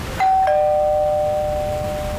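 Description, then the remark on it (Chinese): A two-tone doorbell chime rings once, a higher ding followed by a lower dong that lingers and slowly fades, clear and alone with no talking. “来了吧？开门，开门。”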